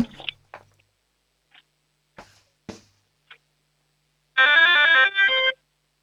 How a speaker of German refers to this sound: Das ist ja eine mega coole Türglocke.